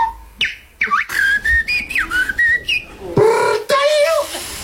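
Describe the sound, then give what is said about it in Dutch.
A whistler imitates birdsong at a Dutch bird-whistling championship in a park in Utrecht: a run of bright, sliding chirps and warbling notes in quick succession, fairly loud, with no talking. “En in een park in Utrecht kwamen kunstfluiters gisteravond bijeen... voor het Nederlands kampioenschap vogelfluiten.”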